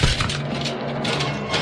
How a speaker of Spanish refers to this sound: Romper esta cerradura. Sus recias y musculosas manos se crispan en la reja de la puerta. Y da un fuerte tirón y rompe la cerradura. ¡Ya!